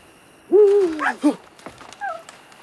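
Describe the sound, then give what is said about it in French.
An owl hoots at night in the woods: a long, wavering, mid-pitched call, then a short clipped note, then a fainter, higher-pitched hoot after a brief pause. No voices. “Une chouette. Mon Dieu, ce qu'elle m'a effrayé.”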